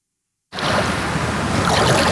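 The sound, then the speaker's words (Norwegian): Cold water washes and swirls steadily against a person's feet, a continuous splashy rush that starts abruptly after a moment of silence, like shallow surf lapping around the feet. “Hun nyter å kjenne det kalde vannet mot føttene.”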